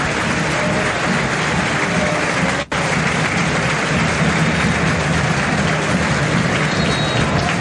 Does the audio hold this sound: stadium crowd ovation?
yes